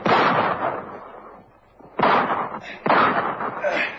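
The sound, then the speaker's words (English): Three loud pistol shots ring out, one at the start and two more close together after a short pause, each a sharp crack trailing off into a reverberant echo, fired by a bank guard at a robber running out of a bank with a bag of money. “Crazy square with a pistol. He shot me.”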